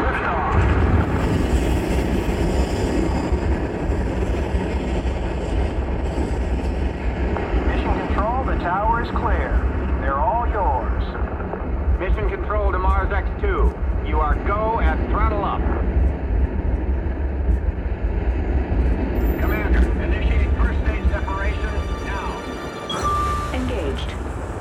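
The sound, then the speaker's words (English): A powerful rocket engine roars continuously at liftoff of a mission to Mars after a countdown, a dense, steady rumble filling the low end throughout, while voices talk over it in the middle stretch before it briefly dips near the end. “We have main engine start.”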